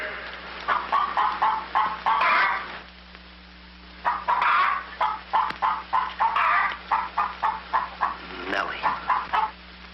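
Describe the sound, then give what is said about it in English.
A hen clucks while laying an egg in quick, rhythmic bursts, pausing briefly before starting up again in a rapid, insistent run over a steady low hum. “Lay, hen, lay.”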